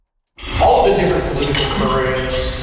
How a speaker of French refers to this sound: Entre les claquements de couverts, mardi midi au Royal Glenora Club à Edmonton, les deux anciens premiers ministres rappellent aux Albertains de voter pour le maintien de la province au sein du Canada.